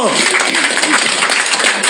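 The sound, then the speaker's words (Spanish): An audience applauds in a dense, steady wash of clapping that stays loud throughout, with some voices faintly mixed in beneath the crackle. The applause is for Christ. “Aplausos para Cristo.”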